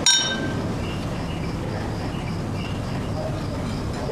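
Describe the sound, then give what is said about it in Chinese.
Glasses clink together in a bright, ringing toast to a hero, the high chime fading over the first half-second while faint tones linger above a steady low murmur of background noise. “来，咱们敬大英雄一杯。”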